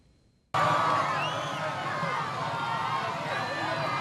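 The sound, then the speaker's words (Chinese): After a brief quiet moment, a loud, dense crowd of supporters lining the street erupts into cheering and shouting as Peruvian President Keiko Fujimori arrives at the Independence Day military parade in Lima, Peru. Many voices blend into a steady roar with occasional high calls rising above it. “藤森庆子在安保人员的护送下抵达阅兵式现场，支持者们夹道欢呼，还有民众在阳台上挥舞国旗以示支持。”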